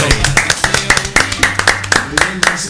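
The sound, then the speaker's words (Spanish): Steady, rhythmic hand clapping, about four claps per second, fairly loud, with a low voice murmuring underneath throughout. “Esto es la gracia. El aplauso.”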